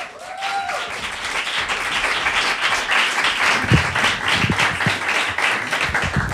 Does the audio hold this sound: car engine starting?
no